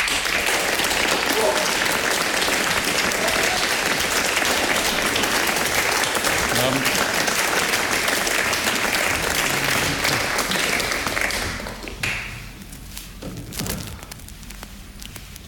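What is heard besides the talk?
audience applause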